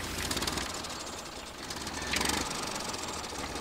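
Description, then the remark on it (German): A tractor engine runs steadily, a low, throbbing chug with a fast rhythmic knock and brief swells in loudness, no voices present. “In den 80er Jahren wurde der Trecker dann auch mehr und mehr zum Freizeitgerät.”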